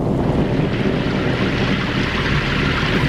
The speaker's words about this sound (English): Oh, will this hail never stop?